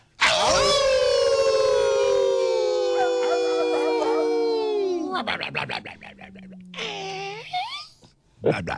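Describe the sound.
Several voices howl together like a wolf pack on a count of three, in one long, loud, sustained cry that slides downward at the end, followed by a shorter howl and scattered whoops.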